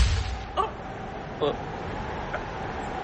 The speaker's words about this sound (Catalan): Això que heu sentit és una bomba. Això és una bomba? Tan petita que en comptes de rebentar l'avió només obre un trist forat de 2 pams a l'estructura.